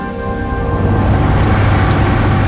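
A car engine with a fault sputters and struggles and fails to start, a loud, rough mechanical rumble with an uneven low throb that never catches into a smooth idle. No voices.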